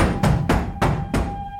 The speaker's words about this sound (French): Soudain, on frappa à la porte de la cour avec grand fracas.